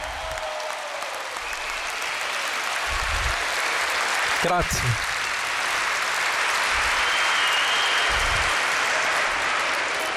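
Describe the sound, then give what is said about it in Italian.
A large audience applauds steadily and loudly for about ten seconds, applause for Jesus Christ, a dense even clatter of clapping, while a single voice briefly speaks partway through. “Gli applausi più forti devono essere per Gesù Cristo.”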